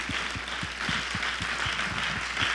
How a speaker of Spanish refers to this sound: Bueno, ahora sí démosle un fuerte aplauso a nuestro Padre que está aquí presente en medio nuestro.